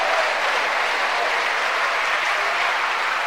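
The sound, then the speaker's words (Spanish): A crowd claps steadily and densely for several seconds during a sermon, applauding the mercy of God, a loud, continuous wash of applause with no voices standing out. “¿Cuánto le dan un aplauso a la misericordia de Dios?”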